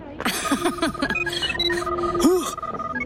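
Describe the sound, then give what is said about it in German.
A ghost's 'Buh-Phone' sounds a house alarm in a run of warbling electronic tones, quick rising and falling chirps followed by a sustained beep and a final swooping note, fairly loud and without any talking. “Mein Buh-Phone. Alarm aus meinem Hus.”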